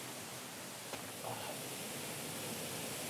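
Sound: rushing waterfall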